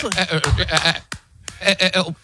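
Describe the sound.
A man's voice imitates a goat, letting out two loud, quavering, nasal bleats with a short pause between them.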